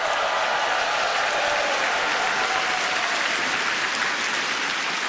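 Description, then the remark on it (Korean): A large audience claps steadily and loudly for the members of the Far East Broadcasting Company (극동방송) children's choir, a dense, continuous wash of applause that fills the room for several seconds without letting up. “네, 우리에게 독립의 감격을 일깨워준 극동방송 어린이 합창단 단원들에게 다시 한번 힘찬 박수 보내주시면 좋겠습니다.”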